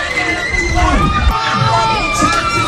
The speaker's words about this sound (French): ces cris de joie ont résonné bien au-delà des rues de Yaoundé.